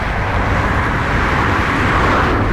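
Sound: bus arriving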